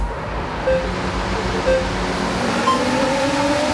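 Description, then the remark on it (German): Racing cars speed past over a constant roaring rush, with about three brief high engine whines rising out of the noise at roughly regular intervals, fairly loud and continuous throughout. “Wenn ihr das hört, also diese rasenden Autos zwischen zwei Songs, sofort anrufen”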